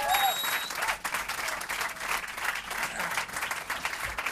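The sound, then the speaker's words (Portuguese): A crowd applauds steadily, dense clapping filling the whole stretch at a strong, even level with a faint murmur of voices underneath. “Um aplauso. Muito bem.”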